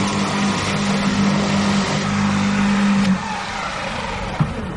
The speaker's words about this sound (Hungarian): Ez egy elektromos szellőztető? Elektromos szellőztető. Van benzinmotoros is, de ilyen kis kerttel nem érdemes befögni, hogy megmutható. Ennyi hangja van.